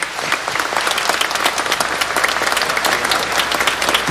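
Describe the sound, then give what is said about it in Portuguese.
An audience applauds the priests at a sanctuary, a dense, even patter of many hands clapping at a constant loudness for about four seconds with no voices over it. “Vamos aplaudir os padres?”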